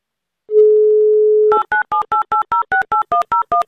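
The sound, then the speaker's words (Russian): A steady telephone dial tone hums for about a second, then gives way to a quick, evenly spaced run of about eleven loud touch-tone keypad beeps as an Avtoradio host dials a game player's number. No voices. “Так, номер Дамира набран.”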